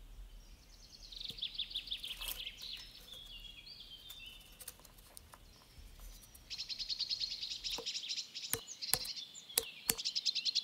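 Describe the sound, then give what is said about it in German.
A great spotted woodpecker pecks rings into the bark of a linden tree to tap its sugary sap, in sharp, irregular taps, some isolated and louder near the end, while small birds chirp and twitter steadily in the background outdoors. “Ein Buntspecht ringelt eine Linde.”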